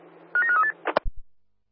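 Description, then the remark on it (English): A quick run of about four telephone keypad tones, bright dual-pitched beeps in rapid succession, followed by a couple of sharp clicks and low thumps before silence. “are you available for a phone call, over? Dial away.”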